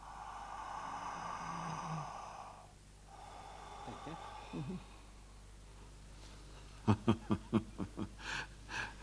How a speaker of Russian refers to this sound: Так, хорошо. Дышите. Еще.